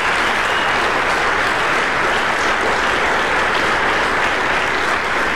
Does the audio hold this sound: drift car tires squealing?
no